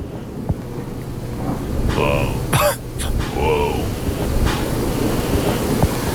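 A cat with a voice disorder gives a few short, oddly low and hoarse meows in quick succession, throaty and strained-sounding, over a steady rumbling background noise.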